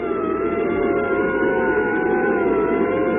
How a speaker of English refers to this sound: But this member wasn't as encouraging as the rest. He followed us with his siren blaring. It was an ambulance.